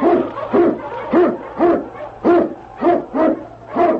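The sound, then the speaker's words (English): Sled dogs, huskies led by the Eskimo lead dog King, bark and howl in a steady run of about eight short, rising-and-falling cries, evenly spaced, with no talking, as they blaze the trail through storm and snow. “King, the swiftest, strongest of Eskimo lead dogs, blazes the trail through storm and snow for Sergeant Preston as he meets the Challenge of the Yukon.”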